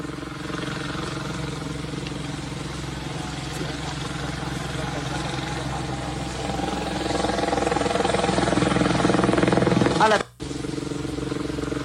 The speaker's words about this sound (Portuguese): O helicóptero vem vindo, ele vai perdendo altitude. O piloto com certeza imaginou que ele pousando na água, né, seria mais fácil,